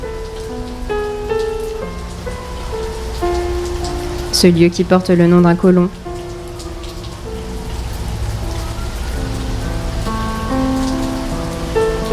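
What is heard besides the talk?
monsoon rain falling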